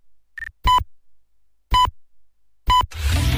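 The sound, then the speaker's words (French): Bip Radio's time signal from Cotonou marking 5 o'clock: a faint high blip, then three short, loud, buzzy tones about a second apart, with a burst of noisy sound right after the last one. “Au quatrième top, il sera 5h.”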